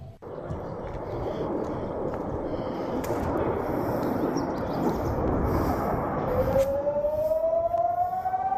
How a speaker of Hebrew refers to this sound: אזעקה מוקלטת, כמובן, אזעקה מוקלטת. עשית לי גם לב. אזעקה מוקלטת. לא יכולת להגיד לפני זה? אני חושב שיש לנו איזושהי תקלה, כי זה לא מה שהתכוונו לשמוע. לא שמענו כלום, שמענו רק אזעקה. כן, שמענו רק אזעקה, וזאת אזעקה מוקלטת.